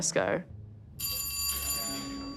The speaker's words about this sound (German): The doorbell rang and es klingelte.